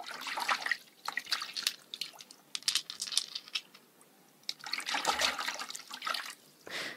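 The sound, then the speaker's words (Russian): Splashing and trickling water as a hand scoops a whole handful of clean, clear pebbles out of a river at its bank at sunset, with several bursts of sloshing and dripping separated by quieter moments. No voices. “Подошел к воде и зачерпнул целую горсть камушков, чистых, прозрачных.”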